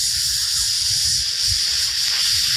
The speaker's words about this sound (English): It's like a hibachi grill back at the Benihana, full sizzle.